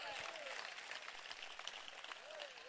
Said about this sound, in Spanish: Dele fuerte ese aplauso hacia para él.